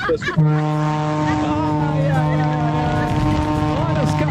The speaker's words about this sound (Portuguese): Olha a buzinona do maluco. Olha a buzinona do maluco.